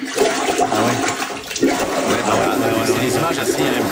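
A toilet bowl in the Mile End, filmed by a resident, gurgles and churns with backflowing water during heavy rain, a steady, loud, bubbly rush that continues throughout with small irregular surges.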